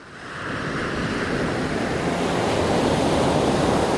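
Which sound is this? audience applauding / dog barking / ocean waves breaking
ocean waves breaking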